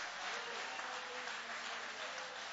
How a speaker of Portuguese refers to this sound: Pode aplaudir, querem aplaudir, aplaude.